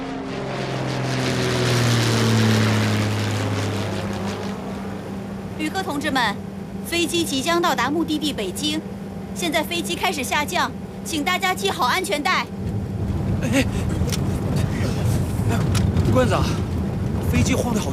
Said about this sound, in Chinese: 旅客同志们，飞机即将到达目的地北京，现在飞机开始下降，请大家系好安全带。